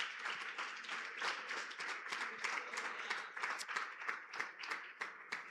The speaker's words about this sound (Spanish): Dele un aplauso fuerte al Señor.